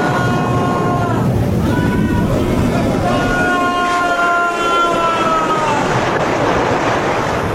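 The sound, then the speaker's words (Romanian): A stormy, furious sea roars loudly and continuously, high waves surging and crashing, with drawn-out wailing tones rising over the churning water. “Nu știu, dar oricât de bun înotător ar fi, pe o mare ca asta, atât de agitată, atât de furioasă, nu mai să reziste.”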